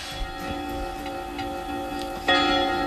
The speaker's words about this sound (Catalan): A les campanades. Les campanades.